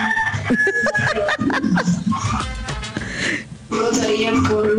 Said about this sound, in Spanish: Uy, por allá sonó el gallo. Escuchen, escuchen.